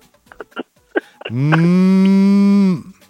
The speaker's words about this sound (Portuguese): É um boi. É o celular que tá vibrando? É um boi.